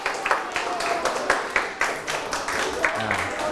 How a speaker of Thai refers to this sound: เอาปรบมือให้กลุ่มที่ถูกต้อง